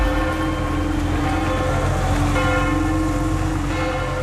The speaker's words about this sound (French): Les cloches de l'église Saint-Pierre de Montrouge dans le 14e arrondissement de Paris, elles ont résonné comme dans toutes les églises de France pendant 7 minutes tout à l'heure à 10h au moment où le pape Léon XIV a posé le pied sur le sol français,